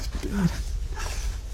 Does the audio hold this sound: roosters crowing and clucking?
no